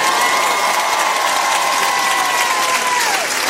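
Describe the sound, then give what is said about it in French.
A concert crowd at the RTL2 Pop Rock Live concert, broadcast live on RTL, applauds and cheers loudly and continuously as the band's musicians are introduced, a dense wash of clapping with a sustained whistle or shout sliding along above it before tapering off near the end. “Je voudrais que vous fassiez un maximum de bruit.”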